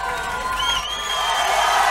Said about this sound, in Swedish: Nu hör man inte vad han säger, men man hör att publiken äggar på honom.